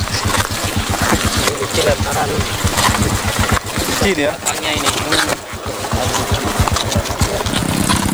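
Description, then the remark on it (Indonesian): A loud, steadily chugging engine of an assembled trail motorbike, its rapid rhythmic pulses continuing throughout as the bike rides along a rough road of rocky clay mixed with mud after rain, on a 12 km route, with brief dips in the roar. “Sejauh 12 km harus kami lalui dengan motor trail rakitan”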